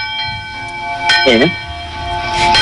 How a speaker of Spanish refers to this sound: Granja de la Costera, un pueblo de Valencia de 300 habitantes, vota hoy para recuperar el sonido por la noche de las campanas que dan la hora y que dejaron de hacerlo por la denuncia de un vecino.